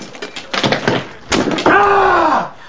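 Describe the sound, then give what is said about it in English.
In a kitchen, a hammer strikes a large block of ice taken from the fridge freezer in a few loud, cracking blows, then a sustained wailing tone slides slowly downward in pitch and fades. “He rummages about in the fridge freezer and takes out a large block of ice, which he hits with a hammer.”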